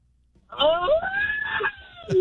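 A birthday person lets out a single loud, drawn-out celebratory yell that rises in pitch and holds for over a second, then ends with a short extra vocal burst.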